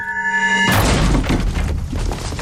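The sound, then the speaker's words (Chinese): A steady humming tone gives way to a sudden loud crash as the door of a dental clinic run by a foreign doctor is pounded and smashed, followed by a couple of seconds of heavy, rumbling banging and clatter. “给我砸门！”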